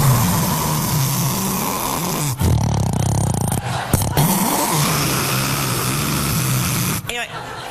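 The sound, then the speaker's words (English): Loud snoring: a rough, rumbling drone of breaths that carries on almost without a break, pausing briefly only a couple of times before resuming just as heavily. “The snoring is, this is what always shocks me about snoring. There's no warning that it's coming.”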